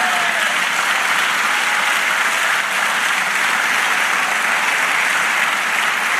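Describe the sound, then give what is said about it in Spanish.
A crowd claps steadily and loudly in a dense, continuous wash of applause given to the Lord, holding at full strength for several seconds, with no voices standing out. “Dale aplauso al Señor.”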